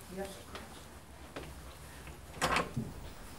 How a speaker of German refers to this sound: Darf ich diese... Ja, May I open this door?